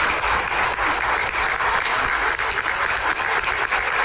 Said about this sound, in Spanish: Fuerte los aplausos para ellas.